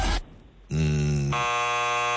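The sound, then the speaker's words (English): An electric car's sound when shifted into park, after the brake is pressed and released: a buzzy electronic tone that steps through a few different pitches over about two seconds, loud and steady, with no voices. “So when you put your electric car into a park and you press the brake and you release, it makes that sound.”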